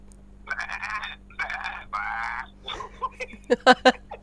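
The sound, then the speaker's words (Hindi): A person imitates a male goat, giving three quavering, nasal bleats in quick succession, followed by a few shorter, choppier vocal bursts. A steady low hum sits underneath. “बकरे की निकालिए दोबारा।”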